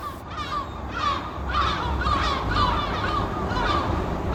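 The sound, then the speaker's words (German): A dense chorus of harsh, croaking seabird calls overlapping continuously, many birds of various species calling at once at the Lummenfelsen cliff on the west side of Helgoland, Germany, over a steady low rumble of wind or surf, with no voices. “Wir starten ganz oben auf dem Lummenfelsen auf der Westseite der Insel, der von den verschiedensten Vogelarten bewohnt wird.”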